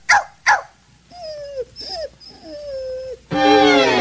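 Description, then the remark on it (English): A dog named Lady, sitting in front of her doghouse, whimpers and cries in a series of high, wavering whines, preceded by two short sharp barks and followed by a louder, longer yelping cry, clear. “Poor Lady was so sad, she just sat in front of her doghouse crying”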